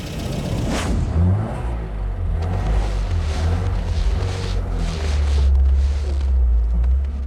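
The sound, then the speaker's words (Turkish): A car engine runs with a heavy, steady low rumble and rough grinding undertones that swell slightly toward the end; the car's transmission is in very bad shape. No one speaks. “Bu arabanın transmisyonu berbat durumda. Araba çalışıyor.”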